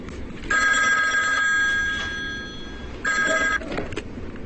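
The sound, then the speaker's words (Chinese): A telephone rings over the line as an outgoing call is placed to Station Master Lü: a long electronic trill, a short pause, then a second shorter burst, clear and steady against faint background hiss. “时间差不多了，你去给吕站长打电话，看一下他的口风。”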